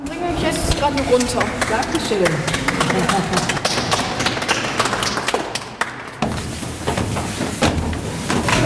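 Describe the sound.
Steady applause from a group, many hands clapping in a dense, uneven patter that stays loud for about nine seconds, with some voices mixed in underneath.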